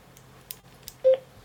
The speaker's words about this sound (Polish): Kartę no to włożyłem. Było takie piknięcie, takie jeszcze coś innego chyba jednak.